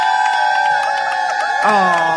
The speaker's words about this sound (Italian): io devo staccare, ma sì, il che microfono, si sentono, cioè, si sentono, per far sentire comunque le ole, si... cioè rifatelo, uno, due, tre, via.